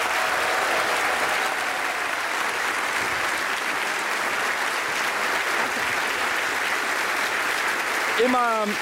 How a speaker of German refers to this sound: Ein großer Applaus für die Premiere von